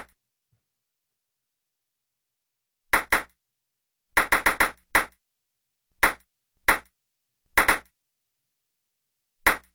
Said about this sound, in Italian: Quanti rimbalzi ha fatto la pallina?